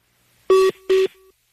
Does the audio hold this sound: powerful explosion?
no